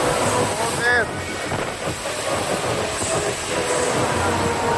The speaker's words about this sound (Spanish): Así arreciaba esa lluvia torrencial en Orriols.